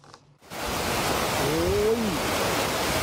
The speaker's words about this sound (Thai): พัทยาดูสิคะ มาแรงมาก น้ำมาแรงจริงๆตอนแรกคือถ้าไม่บอกพัทยานึกว่าน้ำป่าหรือเปล่านะคะเนี่ย ครับ คุณผู้ชมที่เห็นเนี่ยคือฝนนะคะน้ำฝนตกหนักมากที่พัทยานานกว่า2ชั่วโมงอะค่ะแล้วลมแรงซะด้วยทำให้เกิดน้ำท่วมขังผิวจราจร